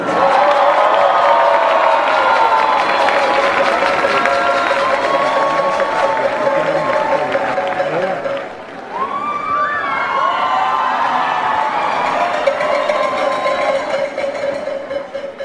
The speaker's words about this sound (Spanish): Y al compositor de todas las canciones que ustedes bailan y cantan. Un aplauso para el maestro ….